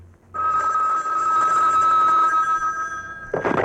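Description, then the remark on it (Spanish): A telephone bell rings loudly and continuously for about three seconds, a steady bright metallic trill, then cuts off as a brief burst of noise, like the receiver being picked up, ends it. “Velo, si en cuanto suena el teléfono vuela, míralo.”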